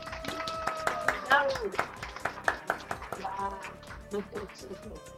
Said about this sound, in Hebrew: אז מחיאות כפיים